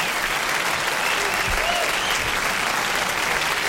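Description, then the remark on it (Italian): Steady, dense applause from a sizable crowd, many hands clapping at once in a continuous wash of sound that holds at an even level throughout, with no voices standing out. “E ci sta pure un bel applauso.”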